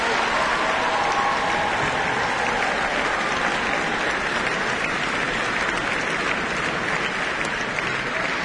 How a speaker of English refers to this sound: Big round of applause.